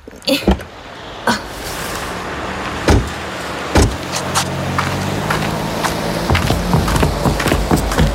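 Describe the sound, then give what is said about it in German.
A car door clicks open with a few sharp latch sounds, followed by a low engine-like hum and rustling, then more clunks and thuds as the door is handled and shut, as people get out of a car parked in front of a music shop. “Ist die Tür.”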